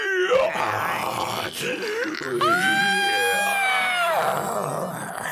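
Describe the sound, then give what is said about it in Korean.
A girl pretending to be a zombie lets out strained, grotesque zombie-like groans and wails while twisting her arms and legs and rolling her eyes back, rising into a long high screech in the middle before dropping back to gravelly moaning, loud with no other talk. “갑자기 기괴한 소리를 지르며 팔과 다리를 꺾고 눈동자를 뒤집었다.”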